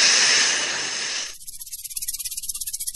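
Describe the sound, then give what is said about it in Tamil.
A snake being caught by a snake catcher hisses loudly in one long breathy burst, then the sound breaks into a rapid, rhythmic pulsing buzz that continues to the end. No one speaks. “பாம்பு பிடிச்சாச்சுமா? உங்களுக்கும் எதுவும் ஆகாம, இந்த பாம்புக்கும் எதுவும் ஆகாம பாதுகாப்பா இத கொண்டு போய் காட்டுக்குள்ள விட்டுறேன்.”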